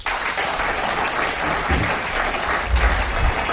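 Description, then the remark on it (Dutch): Steady applause from an audience for a small class being introduced, a dense wash of many hands clapping at an even, fairly loud level with no voices on top. “Mag ik een applaus voor het klasje”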